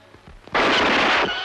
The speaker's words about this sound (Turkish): Oh, yandım anam! Beni vurdun ulan